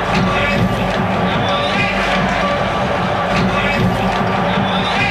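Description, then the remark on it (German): A large football stadium crowd in Nuremberg roars and cheers in a continuous, dense wall of noise, loud and steady throughout, with indistinct voices blending into the din. “Feier, Frühlingserwachen in Nürnberg. Achtung, jetzt knallt es gleich. Jubeltrunken, Heiterkeit.”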